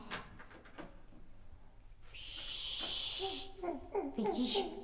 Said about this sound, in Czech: A už jde. A po schodech. Takže nepřijede výtahem, ale přijde dveřmi.